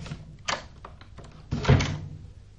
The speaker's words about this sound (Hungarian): Ugyanis egy tenyérjós, azt mondta nekem az egyszer, az ajtó hogy... önmagától becsukódik, mihelyt elengeded a kilincset.